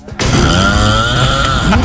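A single loud, harsh snore rasps on for nearly two seconds, grinding like a small motor, with no one talking over it.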